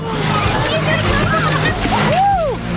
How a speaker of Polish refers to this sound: Aż ja zostałam ochlapana. Poszły pod wodę.